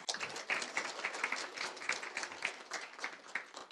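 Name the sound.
warm applause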